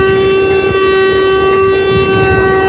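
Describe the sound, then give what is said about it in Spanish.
The horn of an overturned tractor-trailer blares in one steady, unbroken tone, loud, with no pause from start to finish. The truck overturned while trying to cross a flooded area in Hidalgo, on the El Osochitlán road, and its horn was set off. “Ahí vamos a ver la pantalla con Alex Denicia, que nos va a mostrar este tráiler, cómo quedó, que incluso hasta se le activó su claxon.”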